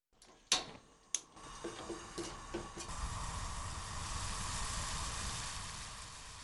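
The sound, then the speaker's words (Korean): A pot clanks down onto a stove, followed by a few light clicks, then a steady, fairly quiet sizzling hiss as a soy sauce glaze of sugar, soy sauce and water with minced meat simmers uncovered, reducing for about five minutes. No one speaks. “살짝 섞어준 다음 다시 냄비를 불에 올려놓습니다. 뚜껑을 덮지 않고 5분 정도 바짝 졸입니다.”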